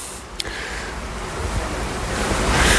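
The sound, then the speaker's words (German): An older-model, refurbished R6 regional train pulls into a station at track 22: a steady, broad rushing rumble swells gradually louder as it approaches, with a brief sharp click near the start and no voices. “Jetzt fährt ein der R6 nach Wasserwas nach Hortenja. Das ist ein bisschen ältere Zugmodell.”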